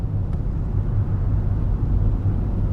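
Steady, muffled low rumble of a car driving, heard from inside the cabin, with constant road and engine drone; an approaching bicycle rider makes no audible sound. No voices.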